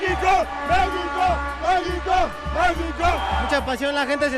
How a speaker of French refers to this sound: À peine 10 minutes après le début du match, premier but du Mexique. La foule se soulève et crie comme un seul homme.